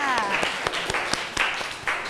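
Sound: applause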